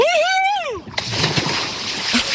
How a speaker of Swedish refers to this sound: Så när du är redo så tar du väl ett plask, tänker jag. Ja, men då kör vi då. Ja! 1, 2, 3.